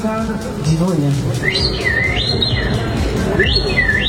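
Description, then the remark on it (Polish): A person at a past edition of the Polish Championships in bird imitation imitates birdsong with loud whistled warbles that sweep up and down in repeated phrases, over a low humming murmur at the start. “To nie ptaszek, moi drodzy, tak? To ktoś, kto ptaka naśladował.”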